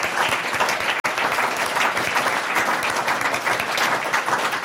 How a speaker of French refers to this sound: On peut applaudir